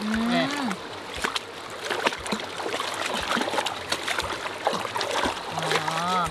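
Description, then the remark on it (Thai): Water sloshes and splashes irregularly as pounded herbs are rinsed and squeezed in a hand net, murky water running out, with scattered wet splats and a steady watery wash, while a woman's voice speaks at the start and end. “ดูแม่ล้างเดี๋ยวน้ำนี่มันจะออก อ ๋ อเดี๋ยวน้ำขุ่นๆจะออกแล้วใช่ไหมคะ นี่แหละ”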